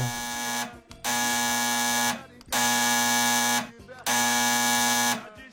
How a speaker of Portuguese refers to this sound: O telefone tocou.